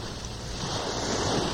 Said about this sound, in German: Ich höre schon die Brandung, das Wellenrauschen. Wir sind auf dem Wege zum Meer.